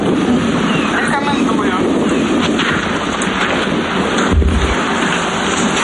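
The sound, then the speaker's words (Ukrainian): A single dull, low boom of an explosion nearby thuds near the end, rising out of a constant rushing, wind-like noise that fills the whole recording, at a deserted spa resort during an air-raid alert in Ukraine. “Поряд грюхкає, бахкає. Але вона каже, вже звикла до вибухів.”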